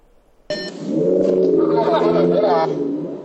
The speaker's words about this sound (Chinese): 民警在巡逻过程中发现这辆车排气噪音巨大啊，涉嫌改装，跟明显正常的车辆这个噪音也不太一样。